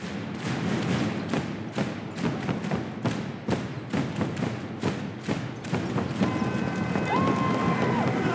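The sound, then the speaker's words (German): Steady, loud thumping drum beats played by fans cheering on their team at a home game in a sports hall, in a fast repeating rhythm over a noisy crowd murmur, with a brief whistle-like tone near the end. “Mit jedem Schlag auf die Trommel lassen sie auch ein bisschen Dampf ab.”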